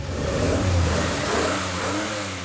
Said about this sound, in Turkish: Sesi şimdiden çok daha güzel ve yeni karbüratörümüzde zaten olan tübüler performans egzoz manifoldunun birleşimiyle en azından 20 beygir gücü kazanmış olmamız gerekiyor.